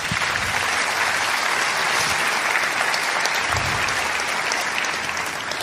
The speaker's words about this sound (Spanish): Dar un aplauso a Dios.